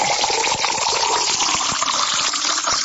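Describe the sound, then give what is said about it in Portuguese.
Water is poured steadily into a glass for birthday celebrants, a continuous gurgling splash that holds an even loudness for about three seconds, with no voices. “Essa água aqui não dá para ficar sem ela. Tem que tomar mais um copo, né?”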